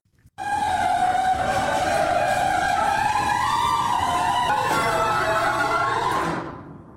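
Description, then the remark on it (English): An old garage door, before nylon rollers were installed, grinds open with a loud, harsh metallic screech and clanking lasting about six seconds, its squealing pitch wavering and rising slightly before cutting off and fading. No one speaks. “play the first audio file of what it used to sound like in my garage”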